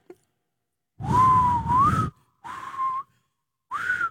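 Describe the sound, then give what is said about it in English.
A person whistles three short, breathy phrases, the first longest with a gentle rise and dip in pitch, separated by brief pauses, with no talking. “Yeah, I know how to whistle, but now that I'm thinking about it, I can't do it.”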